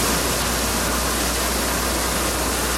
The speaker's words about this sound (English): In Banff, a playground and some pathways have been closed because of rising water. Tiger dams and sandbags have been put out as a precaution, and tourists and residents are being warned to stay well back of the rushing river.